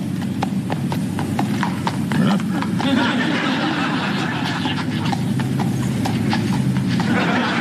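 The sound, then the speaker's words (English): Horse hooves clip-clop on a street in New York City in a steady, even rhythm, over a constant low rumble of city traffic and faint background voices. “Horse is gassy. Must have been the Beefarino.”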